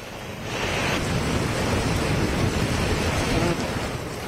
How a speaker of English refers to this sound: Heavy rainfall lashes several parts of Srinagar. IMD has warned of an extended wet spell in the Jammu and Kashmir from July 19 to July 23.